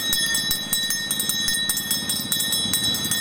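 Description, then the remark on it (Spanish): The handbell of an ice cream vendor who also sells drinks and chips rings in a fast, steady rhythm. Each clang is bright and metallic, with high ringing tones hanging continuously beneath the repeated strikes. “A ver, ¿cómo suena la campana?”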